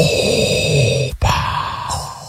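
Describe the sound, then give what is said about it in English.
A voice doing a Darth Vader impression imitates heavy, mechanical respirator breathing: a long raspy, hissing inhale, a brief pause, then a rough drawn-out exhale with a low rumbling undertone, loud and steady throughout. “Yeah, this is, listen, as a guy that's been doing a Darth Vader impression now for the better part of since 1977, it's more this.”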